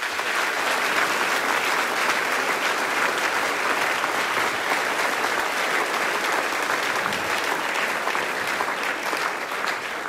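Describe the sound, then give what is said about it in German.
Sustained audience applause at a tenth-anniversary folk music celebration in Abtenau, welcoming the band that opened the show, a dense steady wash of many hands clapping at an even, fairly loud level for the full ten seconds, with no voices breaking through. “Begrüßen wir es herzlich mit einem Applaus.”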